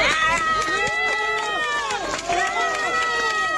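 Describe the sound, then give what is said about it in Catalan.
A crowd cheers and shouts loudly, with clapping mixed into a steady, excited din of many raised voices that carries on throughout, applauding the last survivor rescued from the rubble after an earthquake in Venezuela. “Són les aplaudiments per a l'últim rescatat.”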